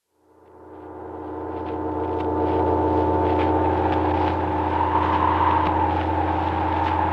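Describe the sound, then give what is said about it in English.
A buzzing Mattel Baroom toy hot rod engine, started with its own key, starts up and holds a steady, loud mechanical drone with a few slight surges in pitch, with no one talking over it. “Mattel's new Baroom hot rudder engine.”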